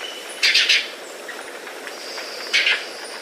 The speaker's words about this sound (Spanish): Pese a su nombre, come frutos, flores e insectos. El trino del guayabero ocre forma parte del Banco de Sonidos de Aves Colombianas, recopilado por el Instituto von Humboldt y la Universidad de Cornell.